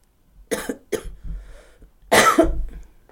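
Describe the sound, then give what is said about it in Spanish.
Three dry coughs given on request in quick succession, the last one louder and longer with a raspy, throaty edge, with no talking around them. “A ver, tose.”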